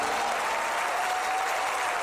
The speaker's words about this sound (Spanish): Alguien aplaude fuerte a Jesús, el amor de nuestras vidas.